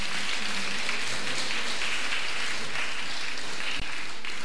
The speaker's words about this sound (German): Applaus bitte.